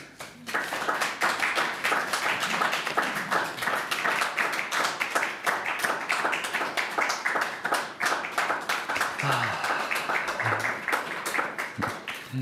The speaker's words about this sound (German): Der Abschluss, der Applaus war jetzt gerade lang genug, dass ich jetzt so tun kann, als wäre das die Zugabe. Das ist perfekt.